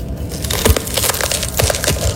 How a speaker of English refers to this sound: So he's got a full-size green pepper, and he's just sticking his thumbs down in it and pulling it apart.